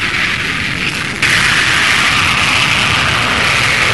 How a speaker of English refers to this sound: The ceremony over, a couple of Harrier development aircraft and one of the U.S. planes gave the most breathtaking demonstration of the jump jet that anyone there had seen.